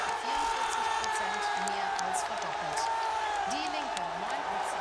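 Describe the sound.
A large crowd in Saxony-Anhalt, Germany, roars and cheers continuously as election projections flash up on a screen, a loud dense wash of many voices with scattered whoops and shouts rising above the steady din.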